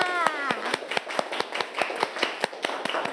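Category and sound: crowd, children clapping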